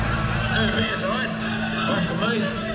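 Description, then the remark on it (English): A restored vintage truck engine runs steadily, a deep rumbling idle with a rough, throaty growl that holds at a constant loud level throughout. “I'm so glad to get it back and get it completely restored and running again. And it sounds like the beautiful beast has always been.”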